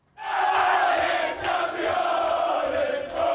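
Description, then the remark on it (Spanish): A large crowd celebrating Arsenal's Premier League title chants 'campeones' in Spanish loudly and steadily in unison, a sustained roar of many voices with a strong, continuous tone and slight swells in volume. “Lo celebraron al grito de campeones en español.”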